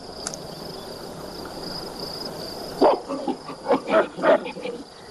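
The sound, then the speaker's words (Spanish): A monkey roars threateningly at a tapir that is bothering it, in a series of about five loud, harsh bursts, breaking in after a stretch of steady insect-like buzzing that continues underneath. “Un tapir molesta a uno de los monos que le ruge amenazante.”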